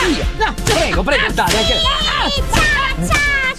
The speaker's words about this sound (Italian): E si merita il premio di consolazione, ovvero 80 frustate seduta a stante.